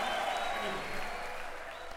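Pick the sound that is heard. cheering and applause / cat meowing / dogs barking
cheering and applause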